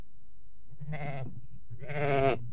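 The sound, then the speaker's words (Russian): A ram caught by its horns in a thicket bleats twice, a short wavering call followed by a louder, longer one, clear with no talking around it. “Я слышу блеяние овна!”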